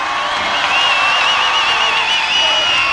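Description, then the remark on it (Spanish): A loud, steady roar of crowd cheering and applause fills the whole stretch, with wavering high whistles riding on top of the dense noise, from the audience at the Viña del Mar Festival in the Quinta Vergara, in the rain, after a band's performance. “un aplauso realmente grande para él.”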